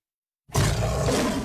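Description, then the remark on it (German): After a brief silence, a lion's roar bursts in suddenly, loud, with a deep, rumbling growl that holds steady to the end. No one speaks. “Der Schwarze Löwe brüllt wieder.”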